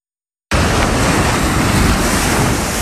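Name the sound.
wind and surf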